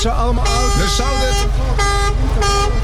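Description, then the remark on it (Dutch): A car horn honks loudly in three blasts, the first long and the next two shorter, with voices faintly audible underneath. “Iedereen kijkt hier, ze horen de toeter.”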